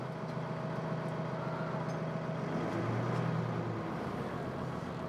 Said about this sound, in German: Der LKW muss jetzt auf den Tieflader. Da die Zugmaschine nicht mehr rollt, hilft Ralf mit seinem Gabelstapler.